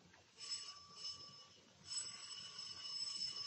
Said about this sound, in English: Let me ring the bell for you.